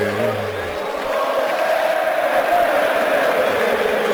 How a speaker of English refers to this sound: This big crowd, every time Reyes bats, they sing, Jose, Jose.